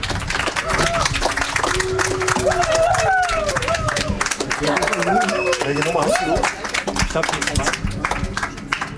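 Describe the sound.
Audience applause fills the whole stretch, a dense steady patter of many hands clapping, with cheering voices and shouts rising over it in the middle.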